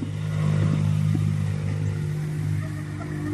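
Motorcycles rumble past with a steady, droning engine hum and some rattling clatter, continuous throughout, with no voices, squeezing by along the side of a landslide that has fully closed the road toward Versalles.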